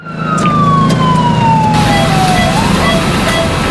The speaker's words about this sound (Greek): Ασθενοφόρο.